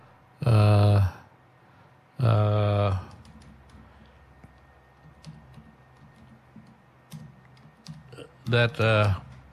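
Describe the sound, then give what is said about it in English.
Soft, irregular clicking of keys on a computer keyboard as someone types and looks things up, filling a quiet middle stretch, framed by three short, loud bursts of voice at the start and end. “I'm just typing up. And I'm looking up things.”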